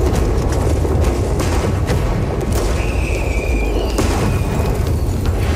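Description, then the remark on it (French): Lit gunpowder barrels in boats sent by Montcalm against the English exploding too early because of badly set fuses, a loud, sustained roar of deep booming rumble that continues steadily for several seconds without pause, with crackling noise over the top and no voices. “Tout d'abord, Montcalm va commencer par envoyer des barques pleines de tonneaux de poudre allumés aux Anglais, mais les mèches vont être mal calibrées et tout va péter beaucoup trop tôt.”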